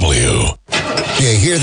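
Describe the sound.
A car engine cranks and sputters as it tries to start, loud, with a brief break partway through while a man's voice speaks over it.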